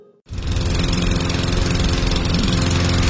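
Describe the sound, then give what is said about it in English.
After a brief quiet moment, a lawn mower engine kicks in with a loud, rough, steady drone and a low rattling rumble that keeps going without any voices. “Instead of fixing that mower, why don't we just call J&I Services?”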